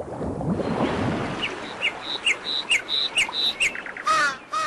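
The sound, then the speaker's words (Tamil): Paddy-field ambience with a steady bed of noise, then a run of short, bright bird chirps in quick repeated bursts, ending with a louder squawking call. “வயக்காடு.”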